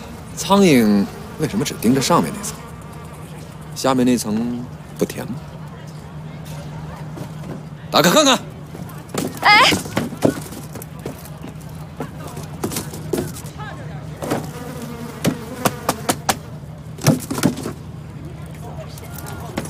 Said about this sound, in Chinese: 冰糖云片膏，怪不得那么多苍蝇飞来飞去盯着它。 哼，对，甜，苍蝇喜欢。